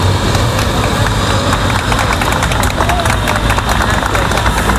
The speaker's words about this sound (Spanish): Llegaban este domingo, pasadas las 4:30 de la tarde, entre los aplausos de los vecinos del barrio madrileño de Carabanchel, que es donde está ubicado este centro sanitario.